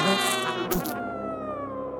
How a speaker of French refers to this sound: Mais... Oh, mais qu'est-ce qu'il y a, le moustique ?